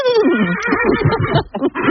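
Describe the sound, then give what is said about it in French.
A person imitates a horse's whinny, a loud, shaky, wavering vocal neigh lasting a couple of seconds with a brief break near the end. “Ah, belle imitation, hein. Je sais bien faire le cheval.”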